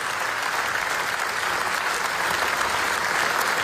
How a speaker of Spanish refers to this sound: Esa ovación que escucháis cruzó los canales de Venecia y terminó retumbando con fuerza en el último Cinemaldia. Es el eco que ha dejado Naza, el demoledor documental de Yuval Abraham y Rachel Swords